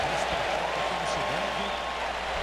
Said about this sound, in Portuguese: Aplausos das duas torcidas, portanto, vamos para o jogo.